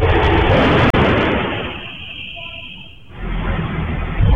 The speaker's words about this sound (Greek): Ένα άλλο ντοκουμέντο καταγράφει τον ήχο από τις δύο εκρήξεις που προκλήθηκαν στην πιλωτή της πολυκατοικίας με διαφορά 6 λεπτών.